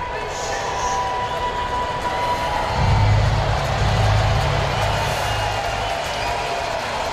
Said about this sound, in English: Crowd coming to life to support Elder. 3-2.